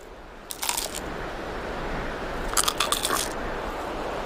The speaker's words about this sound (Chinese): 细小的牙齿没法咀嚼，变色龙只能用强有力的颌骨死死咬住蝗虫，然后再整个吞下。这是纳米比亚变色龙今天抓到的第一只昆虫